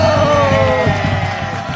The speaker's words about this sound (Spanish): Pero, ay, amiga, el truco está en que tengo los mejores y las mejores locutoras del mundo. ¡Un aplauso para ellos!